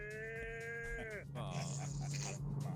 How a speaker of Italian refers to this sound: Questa è una mucca grande.